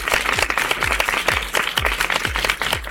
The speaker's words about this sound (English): And as always, if you did the actions at home, give yourself a great big round of applause.